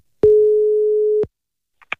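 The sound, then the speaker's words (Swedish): A single steady electronic ringback tone sounds for about a second as a phone call is placed to the municipality of Jakobstad, Finland, then stops abruptly, followed by a couple of faint clicks as the line picks up. No one speaks. “Det ville jag ta reda på och ringde runt till några finlandssvenska kommuner för att höra hur man arbetar där.”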